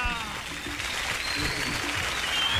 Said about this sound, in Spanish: ¡Uy! ¡Aplausos, aplausos! ¡Gracias, Bucaramanga!